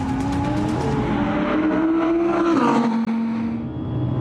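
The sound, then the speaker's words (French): An Audi sports car's engine roars loudly and steadily on a race circuit's straight, its pitch climbing as it accelerates hard up through the gears to over 225 km/h, with a brief dip around a gear change, sounding powerful. “La ligne droite du circuit de train va avaler à plus de 225 km/h.”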